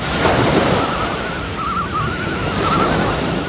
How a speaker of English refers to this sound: Then, gently, his bed lifted up and started to float. And a wave softly sent him off out to sea.